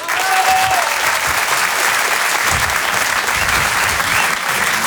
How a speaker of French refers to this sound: Je vous demande de l'applaudir très très fort.